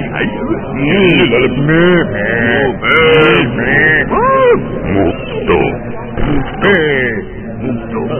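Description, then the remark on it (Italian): A human voice imitates a cow, letting out a string of loud, drawn-out mooing and lowing calls with rising and falling pitch, repeated almost continuously. “Cosa sono questi rumori? Dai, mi ero girato un attimo. Era una mucca pazza.”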